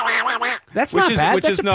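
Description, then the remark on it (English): A voice imitates a cartoon duck, producing a run of raspy, nasal quacking syllables after a brief pause, loud, with garbled speech-like rhythm. “I do this great impression of Donald Duck”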